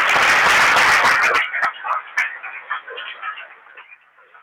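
A crowd applauds loudly in a dense burst of clapping for over a second, then it cuts off abruptly, leaving a few stray claps and murmuring voices.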